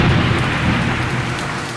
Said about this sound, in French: La pluie tombe tout à coup. Des trombes d'eau